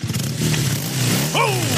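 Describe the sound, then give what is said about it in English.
A freshly repaired motorcycle's engine idles with a steady, throaty hum, then revs sharply upward near the end in one quick, loud burst, heard on its own. “Hear that? Sounds like another beauty's been given the repair it needs thanks to the crew at Mackay Motorcycles.”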